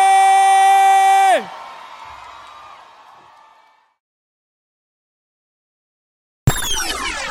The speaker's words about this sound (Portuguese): palmas, faz barulho aí!